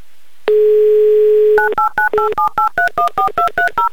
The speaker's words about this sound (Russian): Набран номер телефона Елены, звоним в Энгельс